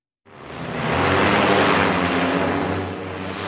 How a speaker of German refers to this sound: Ein Bundeswehrgelände auf dem stillgelegten Flughafen Berlin-Tegel. Eine Abfangdrohne steigt auf. Sie soll eine andere Drohne mit einem Netz einfangen.